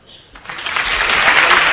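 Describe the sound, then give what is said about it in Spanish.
Applause from an auditorium crowd in a Madrid hotel, as Florentino Pérez comes out applauding the audience, swells quickly from a faint patter into a loud, steady wash of clapping that holds at full strength to the end. “Y ahora sale Florentino Pérez aplaudiendo al auditorio en este Hotel de Madrid.”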